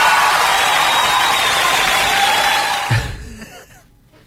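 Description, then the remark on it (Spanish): A live audience applauds during a live show, a dense, steady wash of clapping and crowd noise for about three seconds before it quickly fades to near quiet. “¡Aplauso!”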